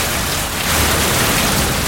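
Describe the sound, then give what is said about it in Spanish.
Steady rain pours down in a dense, even hiss with no breaks, fairly loud, and no voices over it. “Lluvia de bendiciones. El agua siempre cae bien, ¿no?”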